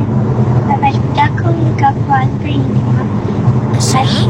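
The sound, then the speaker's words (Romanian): Loud, steady car driving noise roars through an open window, a constant low rumble with wind buffeting, while a muffled voice is faintly audible beneath it. “dar nu te aud, se aude doar mașina foarte rău și nu te auzi aproape. E geamul deschis de la mașină și de aceea fâșie.”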